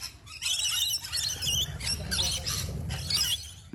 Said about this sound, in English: Any ideas? Is that a lorikeet? It is a rainbow lorikeet.